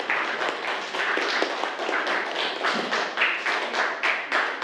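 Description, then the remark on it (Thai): Students in a science class clap together for a classmate's correct answer on liquid pressure, in a steady burst of applause, many hands slapping at once in a dense, even patter that keeps up at a fairly loud level throughout. “เรียกว่าความดันของเหลวนะครับถูกต้องไหมนักเรียนถูกต้องปรบมือเลยนะครับ”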